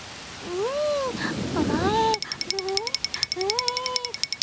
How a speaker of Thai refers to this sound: ไม่ทันซะแล้วฝนตกลงมาซะแล้วล่ะ